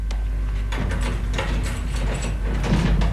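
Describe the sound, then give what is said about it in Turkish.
A heavy door is opened with a steady grinding, rumbling scrape that lasts a few seconds, loud, with no voices. “Levendim, aç şu kapıyı.”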